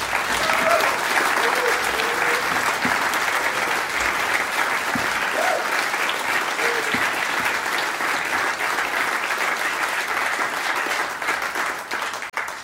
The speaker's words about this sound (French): Et ça, c'est vraiment, il faut vraiment applaudir pour les deux grands guitaristes, vraiment.